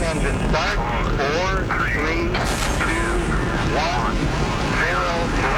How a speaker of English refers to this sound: We have a go for main engine start. We have main engine start.